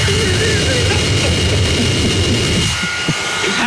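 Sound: leaf blower running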